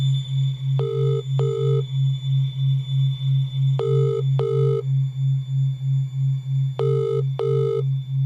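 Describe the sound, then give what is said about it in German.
A phone ringback tone sounds in three evenly spaced double rings as a mother at a school tries to reach a boy's father from her cell phone, clear and steady, with nobody picking up. A constant low, pulsing hum runs underneath, and no one speaks. “Sie hat ein Handy, und gemeinsam versuchen sie, Brads Vater zu erreichen.”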